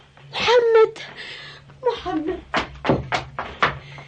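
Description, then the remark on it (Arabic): A short run of knocks on a door, about four firm raps in an uneven rhythm, following a stretch of indistinct voice sounds. “انتظر يا غلام، لا تفتح الباب، ادخل هناك. من بالباب؟”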